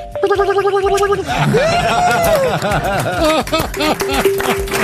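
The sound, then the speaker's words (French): An old telephone rings with a rapid, loud, high trill for about a second, then wavering, rising and falling vocal-like tones take over until the end. “Bon, l'ancienne sonnerie du téléphone.”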